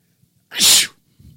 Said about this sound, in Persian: اگه من عطسه کنم همه باید بگن عافیت باشه، عافیت باشه.